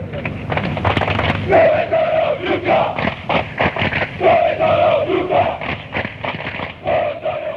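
A large stadium crowd of opposing football supporters chants loudly in unison, ultras style, asking where the ultras are to mock rivals who have not turned up, with sustained sung phrases rising and falling in rhythm over a constant roar of voices.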